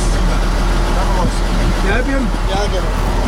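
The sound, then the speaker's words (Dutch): A truck engine runs steadily throughout, a loud, continuous low rumble, with voices talking over it. “Dames en heren, hier bij de vrachtwagen”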